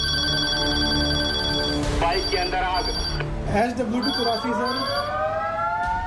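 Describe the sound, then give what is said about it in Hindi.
A telephone bell rings in loud, repeated electronic bursts in an office where each call reports a fire, over indistinct voices, and a siren starts up and swells across the compound toward the end. “इधर घंटी बजी, उधर फोन उठा, फोन उठाने वाले ने डायरी पर पता लिखा और फिर अचानक पूरे अहाते में सायरन की आवाज गूंज उठी।”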